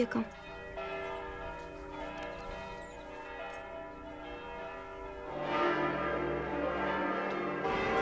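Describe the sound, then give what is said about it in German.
Church bells ring out in a sustained, overlapping peal announcing the outbreak of war, their rich tones swelling louder and fuller toward the end; a faint voice may be present beneath. “Überall in der Welt läuten Kirchenglocken den Krieg ein.”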